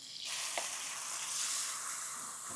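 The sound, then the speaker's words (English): Minced onion sizzling in a hot pan, a dense, steady crackling hiss that starts abruptly and holds loud and bright throughout, with no voices. “So now I'm gonna go in with the onion. This onion's gonna cook like in 1 second.”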